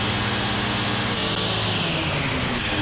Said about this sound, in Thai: ด้วยวาล์วเปิดปิดผมควบคุมปริมาณพลังของเครื่องยนต์ได้แต่ผมรู้สึกว่ามันอยากจะบินขึ้น